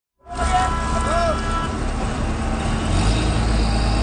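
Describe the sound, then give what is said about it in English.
Engines of 128 lobster fishers' boats in the Gaspé region rev and idle in the morning to start the lobster fishing season, in a loud, steady low rumble with a broad roar that holds for the whole stretch, swelling slightly toward the end. “128 lobster fishers in the Gaspé region revved up their engines to start the lobster fishing season this morning.”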